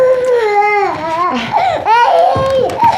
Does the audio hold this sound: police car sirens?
no